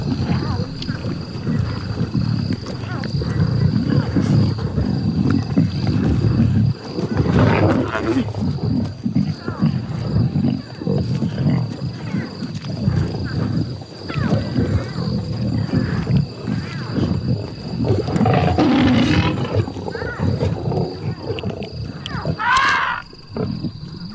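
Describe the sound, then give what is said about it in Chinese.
A pride of lions roaring at night: deep, rumbling roars and grunts rising and falling over a steady low background, with a few sharper, louder calls near the end. “狮群传来的动静让大象心烦意乱。”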